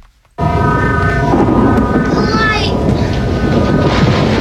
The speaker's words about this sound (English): That's a storm in the background.